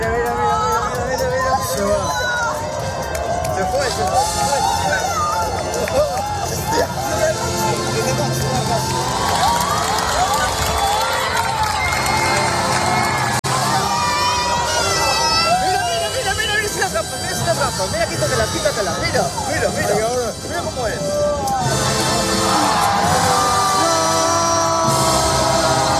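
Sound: crowd shouting and cheering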